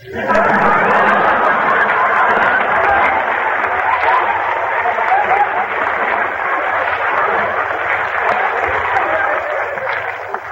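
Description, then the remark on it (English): A radio program's audience applauds in a dense, steady wash of clapping that stays loud for about ten seconds, with faint crowd murmur mixed in and no clear pause. “No applause in there, please.”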